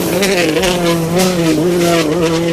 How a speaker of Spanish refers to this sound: Una motosierra, no. Gases. Esto es una mosca. Como una mosca o algo así, una mosca, ¿no? Rockera. Sí. Pues no, chicos, esto es, que escucháis, es un coche de rallies.